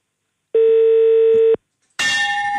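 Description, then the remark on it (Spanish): A telephone ringing tone sounds once from a phone that is not working properly, a steady electronic beep lasting about a second, followed by a short pause and then a loud burst of crackly line noise with a faint tone underneath. “Pero yo creo que es el teléfono.”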